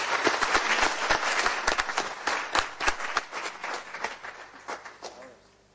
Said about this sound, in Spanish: Estamos muy contentos por ello, le damos la más cordial bienvenida y con un caluroso aplauso que se merecen.